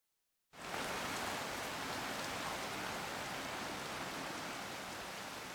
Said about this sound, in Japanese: ところが正月も半ばに差し掛かった時、恐れていた雨が降り始めました。3日たち4日たっても止む気配がありません。